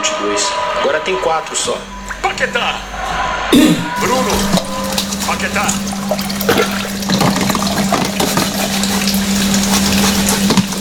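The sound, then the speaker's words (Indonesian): A tap gushes steadily in a broad, hissing stream while dishes are washed, swelling up after a few seconds of quieter clatter, with a low hum underneath and voices talking over it. “Kita cuci piring barengan aja?”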